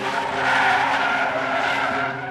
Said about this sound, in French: Elle sortait du tram de Pérols, à proximité de Montpellier, qu'elle allait rejoindre des amis à une soirée, et que sur le chemin à pied, une voiture s'est arrêtée.